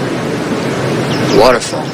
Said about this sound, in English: White water thundering over a sheer drop into a tumultuous plunge pool, sending up clouds of mist.